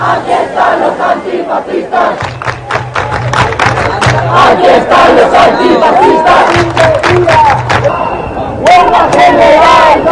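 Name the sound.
protest crowd chanting slogans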